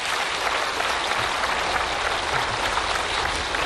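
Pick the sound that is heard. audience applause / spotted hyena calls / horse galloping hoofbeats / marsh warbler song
audience applause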